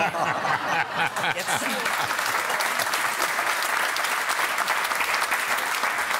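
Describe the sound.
Steady audience applause fills the whole stretch, dense and sustained clapping at a constant level, with a bit of laughter and voices mixed in near the start.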